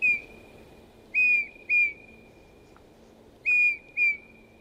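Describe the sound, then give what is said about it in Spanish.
Soft, pure whistled notes come in short pairs with pauses between, each a mellow tone with faint harmonics, over a low steady background hum; the sweet, strong whistling song of a male Eurasian bullfinch (Pyrrhula pyrrhula). “Su canto es una serie de dulces silbidos potentes que el macho debe aprender de sus padres.”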